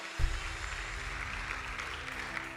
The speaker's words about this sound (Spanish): Bueno, denle un aplauso a Dios si no es una carga. Es un privilegio.